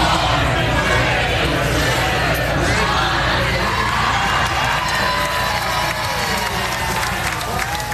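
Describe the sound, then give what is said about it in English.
A large crowd of NFL football fans in red roars and cheers continuously at Federation Square in central Melbourne, Australia, as the 49ers win over the Rams, with shouts and whoops rising out of a dense, loud wall of voices throughout. “At Federation Square in central Melbourne, a sea of red erupted as the 49ers claim victory over the Rams.”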